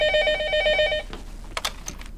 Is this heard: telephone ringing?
yes